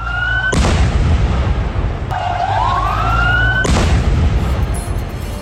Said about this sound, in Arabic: إذن انفجارات ضخمة، وتزامنا مع زيارة الرئيس الفرنسي للعاصمة السورية دمشق،